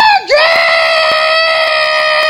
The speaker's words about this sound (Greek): Τελικά τι λέει αυτός ο κόκορας. Ο Τζόρτζ. Ξαναβάλτε. Ξαναβάλτε.